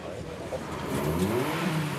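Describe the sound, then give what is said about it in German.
A drag race car lined up for an eighth-mile race revs its engine with a rising, growling pitch, steady over a broad rumble, with a hint of voices in the background. “Die ersten Wagen haben sich für das Ein-Achtel-Meile-Rennen eingereiht.”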